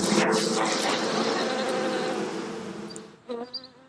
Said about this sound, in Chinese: 在土楼的四层楼板夹缝中，便是蜜蜂的家。 你看这个蜜蜂密密麻麻的，这起码得有几万只。